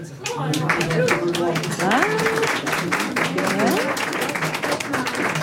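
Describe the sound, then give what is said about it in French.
An audience in an assembly applauds steadily for several seconds to vote for leaving the wolf alone, dense clapping throughout, while scattered voices call out and cheer over it. “Qui est pour qu'on foute la paix au loup ? Par applaudissement.”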